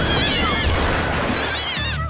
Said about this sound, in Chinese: 你们有没有听到猫叫？听着是从那边传过来的。 让我看看。是调皮捣蛋猫咪大队在巨大的风扇上